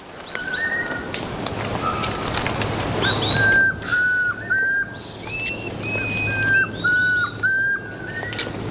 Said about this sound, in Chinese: 立鼎以东的鸣唱是这片森林中最婉转、最动听的鸟鸣声之一。现在是繁殖季，丛林中回荡着鸟儿们的鸣叫声，异常热闹。